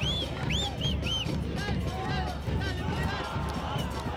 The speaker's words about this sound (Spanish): En los aplausos de la hinchada de O'Higgins de Rancagua